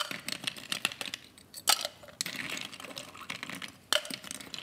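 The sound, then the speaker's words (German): Ice cubes for shaking a mocktail clatter and rattle into a cocktail shaker in a quick series of sharp, bright clinks, with a few louder knocks standing out among the jumble. “Und jetzt brauchen wir etwas Eis für unseren Mocktail zum Shaken.”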